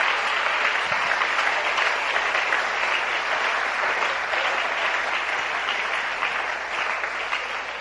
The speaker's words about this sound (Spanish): Si ese aplauso es para Dios de lo más fuerte.